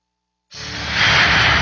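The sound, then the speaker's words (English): After a brief silence, a loud airplane engine roar bursts in and swells steadily, a broad rushing jet noise as a plane takes off, heard alone. “Have you ever thought about all it takes to get that plane off the ground?”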